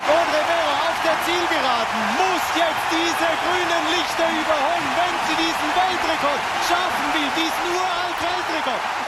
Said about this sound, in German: Audrey Vero verpasste zwar über 800 Meter den Weltrekord, aber sie stellte einen neuen Schweizer Rekord auf und gewann vor Schweizer Publikum, das hörbar begeistert war vom Lauf der Freiburgerin.